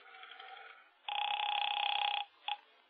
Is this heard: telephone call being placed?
yes